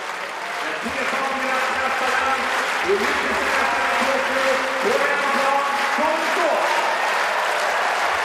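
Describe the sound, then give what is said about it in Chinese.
A large stadium crowd claps steadily in rhythm for discus thrower Stahl during the men's discus final, a dense, continuous wash of applause with a faint rhythmic pulse, while a man speaks over it. “这就主场便利啊，史塔尔要到了很好的这个全场观众给他打节奏这样的比赛氛围。”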